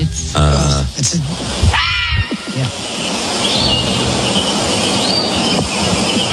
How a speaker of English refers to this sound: Somebody's asking me to if I could play a Fisher cat sound.